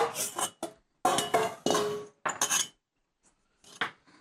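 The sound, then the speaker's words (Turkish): A metal cooking pot is handled, giving several bright clanks and scrapes in irregular bursts, with brief pauses between them and a softer knock near the end. No one speaks. “Tencere.”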